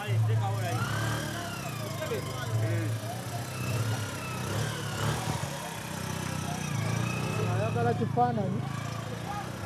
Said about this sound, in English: This is a boda boda, which is a local type of taxi. And somehow they're bringing everything on a motorcycle on this narrow road.